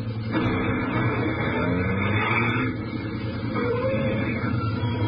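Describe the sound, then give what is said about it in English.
A truck's engine rumbles and drones steadily for several seconds as it comes around a curve in the road, a heavy, continuous motor sound that stays fairly loud throughout, with no one talking. “In fact, we take the one now coming around the curve.”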